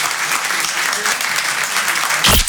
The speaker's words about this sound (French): Je vous demande de faire un maximum de bruit, un tonnerre d'applaudissements pour Monsieur Edgar Yves.